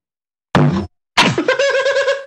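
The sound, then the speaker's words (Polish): A guitar bumps against a stand twice: first a short hollow thunk, then a harder knock that sets the strings ringing in a wavering chord for about a second before it stops. “Nie uderzyłem gitarą statyw.”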